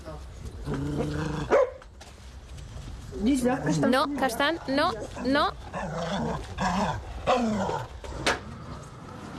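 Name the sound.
dog barking and growling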